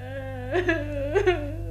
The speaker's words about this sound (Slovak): No a z toho plaču ju chce vyliečiť a jej ruku si tým zaslúžiť princ Wendel.